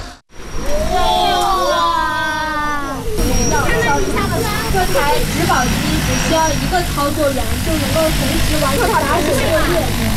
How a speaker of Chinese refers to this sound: 研学的最后一站是洛阳国家大学科技园，在园区一家创新型企业的无人机训练场上，一架大型植保无人机腾空而起，学生们仰头观看，不时发出阵阵惊呼。